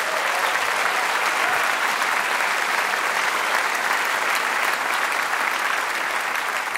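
audience applause

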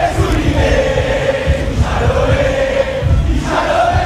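argentine football fans chanting

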